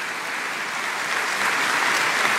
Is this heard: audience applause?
yes